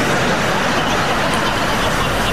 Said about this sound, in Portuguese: Quando o ônibus cruzou por aquele povo, eu gritei: tufão!